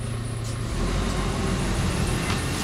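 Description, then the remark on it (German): A heavy, all-white garbage truck with six huge tires and a black side gripper arm rumbles along the street collecting paper bins, its deep engine drone steady and loud, growing slightly fuller partway through, with no voices. “Denn gleich ist die Müllabfuhr da und die drei wollen unbedingt herausfinden, was mit all dem Papier passiert, wenn es weg ist.”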